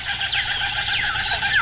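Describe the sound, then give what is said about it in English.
Kookaburras calling outdoors in the morning, a dense overlapping chorus of loud, rising and falling cackling cries that carries on without pause, with no one talking. “Yeah, good morning, Kookaburras.”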